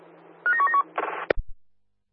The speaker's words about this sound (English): testing public toilet address alarms, over.